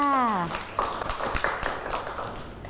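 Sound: children clapping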